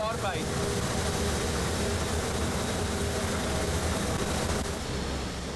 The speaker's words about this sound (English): The braking manoeuvre also requires muscle power. The train makes a special stop in the middle of the line. It only does this in special cases.